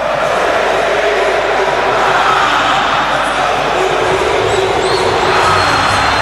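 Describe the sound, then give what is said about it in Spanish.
Argentine football fans chant in a stadium at the World Cup, a dense, loud, continuous roar of many voices that fills the whole stretch without a break. “Chiquito Profili, te mete la hinchada argentina en tu casa.”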